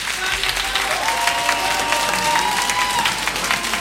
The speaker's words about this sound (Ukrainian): Дякуємо за оплески